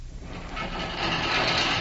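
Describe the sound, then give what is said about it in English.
A heavy stone altar slab grinds as it pivots aside to reveal stone steps descending into a cellar, a rough, continuous scraping over a low rumble that swells louder as it moves. No voices. “The entire stone pivots aside.”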